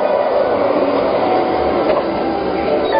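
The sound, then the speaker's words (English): A magnetic hover train glides past with a steady, loud whooshing hum that holds evenly for the whole stretch, with no voices over it. “Of course, your smart home has already booked you a ticket on the magnetic hover train while you relax and enjoy a beautiful view of the future.”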